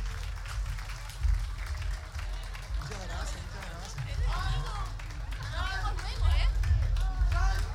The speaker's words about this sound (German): Ein riesen Applaus, Representation hier.